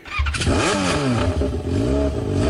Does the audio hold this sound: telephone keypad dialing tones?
no